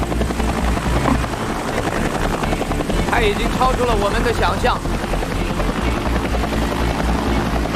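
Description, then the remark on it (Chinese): A helicopter hovers, its rotor producing a loud, steady, pulsing roar that fills the whole clip while a man speaks over the noise; the pilot moves the helicopter to the next beer bottle, trying to open the bottles with a bottle opener. “他把直升机移到了下一个啤酒瓶的地方。”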